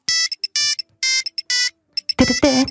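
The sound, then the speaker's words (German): An old Nokia mobile phone ringtone plays a bright, synthetic melody of short beeping notes in a quick, bouncy rhythm, loud, ending in a denser, buzzier flourish. “Ja, ja, viele, viele Erinnerungen an den alten Handy-Sounds.”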